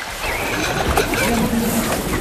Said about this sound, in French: Vous entendez? Ceci est le son d'un enfant qui se noie. Une personne qui se noie ne crie pas et n'agite pas les bras.